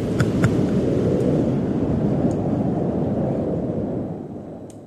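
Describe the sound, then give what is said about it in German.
A cold wind sound effect: a loud, steady low roar of rushing air that holds for several seconds, with a few faint crackles on top, then eases slightly at the end. No one speaks. “So, jetzt sind wir einmal alle durchgefrostet und wem immer noch warm ist, hier ein bisschen kalter, akustischer Wind für euch.”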